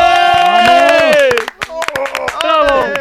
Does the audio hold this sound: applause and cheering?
yes